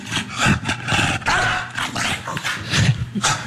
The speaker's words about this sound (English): And you may remember this interaction. Like, it barks and it flaps. That's a splash.